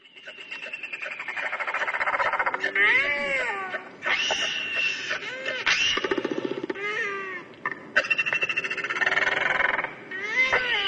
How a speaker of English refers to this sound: The Toroa, the Royal Albatross.